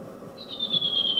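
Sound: redwing song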